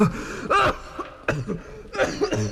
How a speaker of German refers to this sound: Nein, nein, nein. Ich würde doch nicht vom Husten sterben.